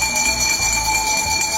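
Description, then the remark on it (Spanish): A garbage truck's bell rings out in Mexico in a steady, bright metallic tone that holds for the whole moment, with a low rumbling hum underneath and no voices. “Por ejemplo, yo quiero proponer el sonido del camión de la basura o las campanas de la basura.”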